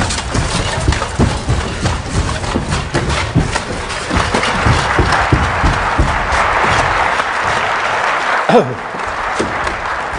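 Someone runs around a hall in plate armor, a steady rhythm of clanking metal and heavy footfalls echoing through the room, loud and close, with no one speaking.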